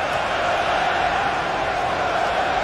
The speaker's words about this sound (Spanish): 16 minutos del primer tiempo, Bélgica, Egipto. Mira cómo gritan.